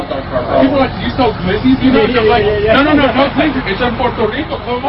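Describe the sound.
Busy ambience at Johnny Boy Eats, a Puerto Rican cuisine food truck (a trailer) making and delivering empanadas in Denver, Colorado: a steady hubbub of overlapping voices chattering, with a low engine and street rumble running underneath for the whole stretch.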